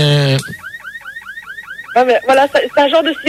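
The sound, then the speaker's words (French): A high, siren-like wail of about eight quick rising sweeps repeats in a steady rhythm, preceded by a brief voiced tone and followed by loud talking. “Voilà, c'est un genre de sirène comme ça.”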